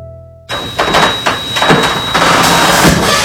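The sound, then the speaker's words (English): A garage door grinds open noisily, its motor whining steadily under a series of rattling clunks and scrapes that grow louder as the panels roll up; the door always makes this sound. “Does your garage door always make that sound?”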